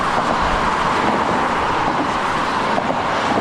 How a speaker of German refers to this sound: Mehr als 100.000 Autos sind bisher pro Tag über die Bonner Nordbrücke gefahren. Sie ist eine der wichtigsten Ost-West-Verbindungen im Rheinland.